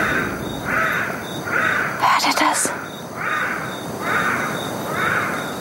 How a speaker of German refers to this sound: Ja. Ist das ein Buschbaby? Ja, zum Buschbaby. Das ist ein Buschbaby. Ja. Das hört sich ja wirklich wie Babygeschrei an. That right there was probably das war ihr bekanntester Ruf, der Kontaktruf.